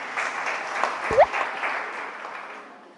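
An audience applauds steadily for a co-promoter of europeisti.eu in Rome, with a dense, crackling wash of clapping that holds evenly for a few seconds, then slowly thins and fades, with a brief low thump partway through.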